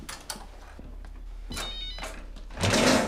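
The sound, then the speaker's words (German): A mobile phone rings amid rustling and thumping handling noises, its tone growing louder near the end over a low steady hum. “Das ist mein Handy!”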